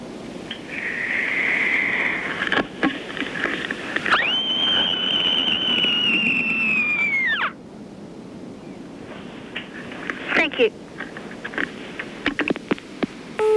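A year-six child in Goulburn screams down the telephone, one long, piercing high-pitched scream held steady for about three seconds before its pitch drops away at the end, over a constant rushing background noise.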